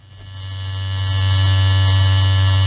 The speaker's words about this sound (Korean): 욕실에서 아들이 새 면도기로 수염을 깎고 있었습니다.